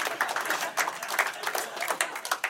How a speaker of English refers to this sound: Applause break on the diarrhea joke. Classy Cedar Rapids.